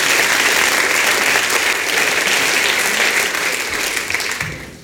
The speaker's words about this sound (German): Jetzt brauchen wir noch eine Kleinigkeit, denn dieser Applaus, den ihr schon so wunderbar in diesen Saal geschmettert habt, der wird heute noch eine entscheidende Rolle spielen.